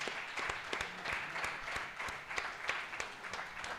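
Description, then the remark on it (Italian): A crowd in Arenzano, Italy, applauds a visiting family steadily, many hands clapping in a dense, continuous patter with a few sharper claps standing out, moderately loud and without any voices. “Facciamo un applauso però.”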